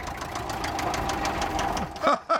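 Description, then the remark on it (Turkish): A diesel engine, started by spraying easy-start fluid and bypassing the ignition system, catches and runs with a steady, rapid knocking clatter, loud and rhythmic for about two seconds, then a couple of short excited voices call out over it. “kolay çalıştırma sıvısı sıkıp ateşleme sistemini devre dışı bırakıyorlar”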